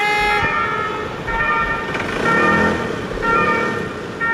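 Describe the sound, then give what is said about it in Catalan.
A loud ambulance siren wails in a street, its tone rising and falling in repeated cycles over steady traffic rumble, dominating the scene, as ambulances are held up longer than usual on a car-free day. “ambulàncies aturades més del que és habitual i molts nervis és el que hem vist al carrer.”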